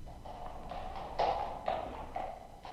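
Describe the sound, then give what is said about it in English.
Don Quixote's little donkey carries him up a road toward the city gates, its hooves clip-clopping along the hard road in a steady, unhurried rhythm, several distinct knocks ringing out, with a few louder strikes standing out among the quieter steps. “And as his trusty little donkey carried Quixote up the road, he could see the gates of the city ahead.”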